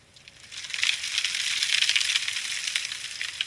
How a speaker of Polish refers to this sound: A tu deszcz. Zaznaczone. Mrzewka. 100 głośność.